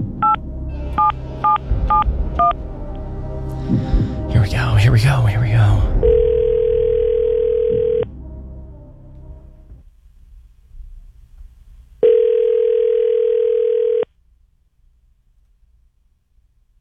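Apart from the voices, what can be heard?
telephone number being dialed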